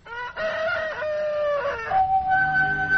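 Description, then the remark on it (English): A rooster crows loudly at sunrise in Ireland, one long drawn-out cock-a-doodle-doo with a strained, wavering pitch that rises at the end, with no voices present. “Still, whatever doubts and fears he may have taken to bed with him, they are all dispelled by a glorious sunrise that wakes him up with cock crow.”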